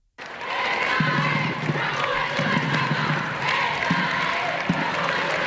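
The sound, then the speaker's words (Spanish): A small group of families and children, with Vatican flags, applauds and cheers steadily while awaiting the Pope in the state pavilion of an airport, with scattered voices calling out over dense clapping that stays constant throughout. “Ya dentro de las instalaciones del aeropuerto, en el pabellón del Estado, era esperado por un reducido grupo de familias, niños, aplausos, banderas vaticanas, y este espontáneo.”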